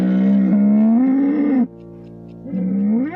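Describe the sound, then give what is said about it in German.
A foghorn sounds two loud, low blasts with a rising, moo-like pitch, the first long and the second starting after a short pause, over a steady low drone. “Der Stapel der Beschwerdebriefe über das Nebelhorn von Cloche ist eindrucksvoll.”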